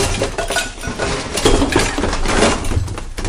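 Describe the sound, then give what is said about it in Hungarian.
A shelf gives way and a jumble of items comes crashing down, with loud, continuous clattering and clinking of dishes and glass for about three seconds. “Letört egy polc, és leesett róla sok minden.”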